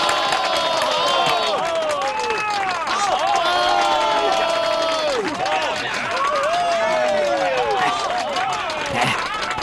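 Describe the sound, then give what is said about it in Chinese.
A large crowd in a shop cheers and shouts excitedly for the full length, many overlapping voices rising and falling over steady clapping, loud and continuous without a break, as a mysterious zither player is introduced. “你听到刚才的掌声了吗？”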